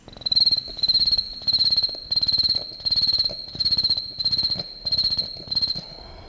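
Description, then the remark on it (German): A beatboxed vocal imitation of autumn cicadas by a performer, European beatbox champion, made only with mouth, nose and throat: about nine steady, rhythmic bursts of shrill, buzzing trill, each roughly half a second long, fairly loud over a low, rumbling undertone, with no talking. “Hören Sie einmal, wie … den Klang der Herbstzikaden nachahmt, die in Vivaldis und auch Piazzollas Vier Jahreszeiten eine zentrale Rolle spielen.”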